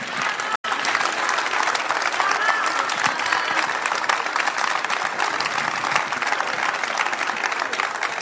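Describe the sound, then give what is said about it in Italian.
A large audience applauds steadily, a dense, even wash of clapping that stays loud for several seconds after a brief cut near the start, with faint crowd murmur mixed in. “Non volevo interrompere l'applauso.”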